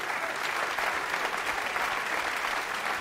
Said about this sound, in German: Und wie Sie hören, der Applaus wollte nicht enden.